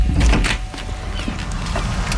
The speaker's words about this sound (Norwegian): Jeg kommer, slapp av. Åpne døra.